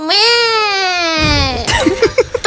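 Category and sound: human body sound, baby crying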